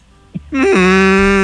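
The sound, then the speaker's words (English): A single loud, drawn-out call of an albatross, a native Hawaiian seabird, on Kauai: a nasal moaning tone much like a cow's moo, steady for about a second after a brief soft knock. “Oh, you thought that was on cow? No, it was me. Holy moly. I'm on Albatross.”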